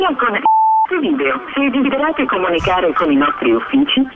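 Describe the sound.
One short, steady telephone beep sounds clearly, then a narrow, phone-quality voice starts talking right after it and keeps going to the end.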